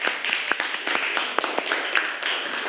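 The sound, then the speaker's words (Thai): A class claps for two groups, a dense, steady patter of many overlapping hand claps with a few sharper individual slaps standing out, sustained evenly throughout at moderate loudness. “โอเคปรบมือให้กับ2กลุ่มนี้หน่อยเร็ว”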